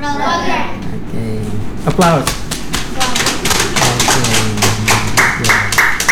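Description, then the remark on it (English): Children clap in a quick, uneven burst of sharp slaps that runs the whole stretch, with young voices calling out and chattering over the clapping, at the start of a children's English program in a foreign language course in Indonesia. “Okay. Applause.”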